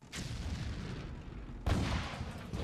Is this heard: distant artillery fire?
yes